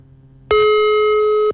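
A steady electronic telephone ringback tone sounds for about one second as the Pro 2 FM Solo radio station tries to connect a call to the Surakarta city transport department, loud, a single sustained pulse with a sharp start and stop, following a brief quiet hum.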